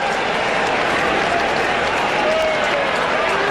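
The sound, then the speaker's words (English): A big cricket crowd cheers and applauds loudly and steadily as South Australia hold on against Western Australia to win the Shield. A dense wash of clapping and roaring voices, with occasional whistles rising above it. “Big crowd here.”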